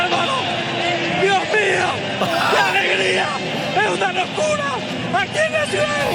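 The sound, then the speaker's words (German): A Paraguayan radio commentator lets out a loud, long, celebratory yell as Paraguay reaches the World Cup round of 16, his voice rising and stretching while a dense, noisy crowd roars and cheers underneath. “Ui, ich vermute, es ist der übliche lang anhaltende Jubel.”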